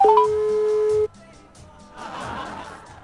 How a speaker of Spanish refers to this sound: Lo voy a intentar una vez más. A ver qué me dice el teléfono. A ver. A ver. Me va a mandar al buzón seguramente.